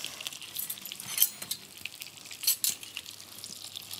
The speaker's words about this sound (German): Da hat man uns doch glatt Besteck hingelegt.